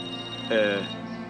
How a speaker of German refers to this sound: Dein Handy. Hm? Handy? Ah. Das Büro. Willst du nicht rangehen?